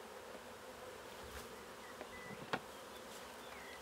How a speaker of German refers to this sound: Wird das Bienenvolk mit fast 20.000 Bienen sein neues Zuhause akzeptieren? Freiwillig in den Korb spazieren?